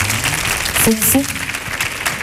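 A crowd applauds steadily throughout, a dense wash of clapping with a brief shout and a high whistle cutting through near the middle.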